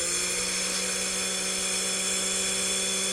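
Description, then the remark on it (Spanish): A blender at home is switched on and runs steadily for a few seconds, its motor giving a constant, high-pitched whirring drone with a buzzy hum underneath. No one speaks over it. “A ver, prende la licuadora para saber si estás en la... ¡Préndela!”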